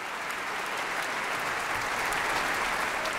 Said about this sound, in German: John Williams Konzert für Klavier und Orchester, Applaus für Solist Emmanuel X, dem Widmungsträger des Konzerts.